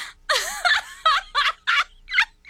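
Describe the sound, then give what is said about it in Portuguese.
A chicken clucks and squawks in a rapid series of about six loud bursts with short gaps between them, and no one speaks. “Eu com a galinha.”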